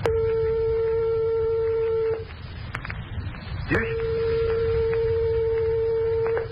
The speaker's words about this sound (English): But how close must two tones correspond before the ears cease to tell them apart in pitch? Here are two tones only 1/8 of a tone apart, or 1/4 of the distance of separation from the closest tones of your piano.